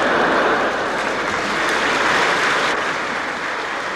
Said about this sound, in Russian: Позвольте ваши аплодисменты считать за пример.